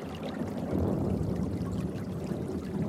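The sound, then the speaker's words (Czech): Water pours steadily into a barrel, a dense, continuous splashing gush that stays loud for the whole stretch with no voices. “nanosit vodu do sudu, pstroužci musí zůstat čerství.”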